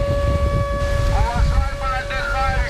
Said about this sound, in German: Luftalarm mitten am Tag am Badestrand von Novorossijsk im Norden der Schwarzmeerküste. Doch viele Menschen bleiben einfach liegen. Dieser Sound scheint hier in diesem Sommer dazu zu gehören. Wind und Meeresrauschen mit heulender Sirene.